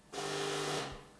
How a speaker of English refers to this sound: That's the doorbell. What's the time? It's 10:30. Who's that? It's the postman.